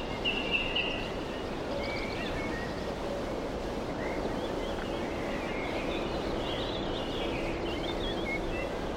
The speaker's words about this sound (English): No human voice to rent the air. Nothing but birds.